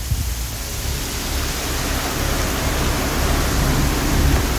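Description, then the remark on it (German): Heavy rain pours down in Freiburg in a steady, dense hiss that fills the whole clip, growing slightly louder toward the end, with a low rumble of water underneath and no voices. “Ja, da schifft's ordentlich momentan in Freiburg.”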